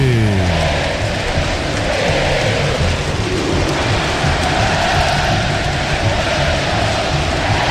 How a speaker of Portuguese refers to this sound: A torcida do São Paulo canta o hino, ouça a torcida que conduz na Band News FM.